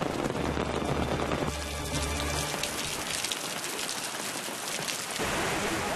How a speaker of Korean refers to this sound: 빗소리를 따라 사람들이 모여들고 이내 메말랐던 암벽 위로 물줄기가 피어오릅니다.